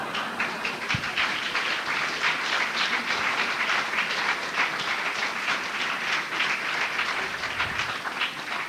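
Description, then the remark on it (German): Sustained applause from a sizable audience at a Caricatura exhibition, for the speaker's presence: a dense wash of many hands clapping at once, steady and fairly loud throughout with no voices standing out. “Und deswegen bitte ich ganz entgegen meiner ansonsten durch gemessene Bescheidenheit geprägte Gepflogenheit um einen herzlichen Applaus dafür, dass ich heute überhaupt hier bin.”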